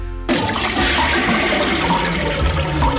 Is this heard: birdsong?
no